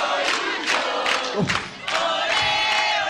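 A dense, loud crowd of football fans chants in a stadium in steady rhythmic bursts, the roar of many voices rising and falling in a repeating beat with a brief dip midway.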